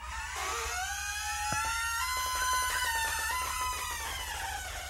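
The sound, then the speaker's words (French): A door slowly swings shut with a long, drawn-out creaking squeal that wavers in pitch, broken by a single sharp knock partway through, heard at the very start of a song. No voices are heard. “Et d'ailleurs, c'est relevé par le tout début de la chanson, vous allez entendre, il y a un bruit de porte,”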